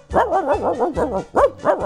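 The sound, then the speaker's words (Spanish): In a joke about a bilingual cat told on the radio station Olímpica Estéreo, a voice imitates a dog barking, giving about five loud, rhythmic "woof" barks in quick succession, each with a rising-then-falling pitch and a short pause before the last two. “¿Usted por qué hace guau si usted es un gato?”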